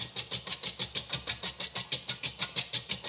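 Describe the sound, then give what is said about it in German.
An electric kitchen mixer whips dessert cream with a steady mechanical whir that pulses rhythmically, roughly five beats a second, moderately loud and with no voices over it. “Ja, das hört sich an wie Omas alte Waschmaschine, was du hier gerade machst.”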